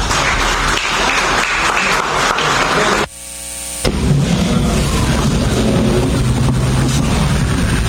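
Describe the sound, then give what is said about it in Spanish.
A crowd claps loudly in a dense, steady roar of overlapping hand claps, briefly cut by a short tonal break near the middle before the applause surges back just as strong. “Fuerte los aplausos.”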